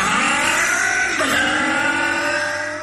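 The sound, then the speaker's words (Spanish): A four-stroke motorcycle engine revs loudly in an advert for Bardal 4T Top Loop, its pitch climbing and dipping in steady sweeps for a few seconds with no voices. “4T Top Loop de Bardal es protección para tu moto de cuatro tiempos.”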